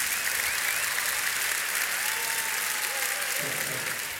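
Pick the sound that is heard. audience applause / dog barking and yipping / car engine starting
audience applause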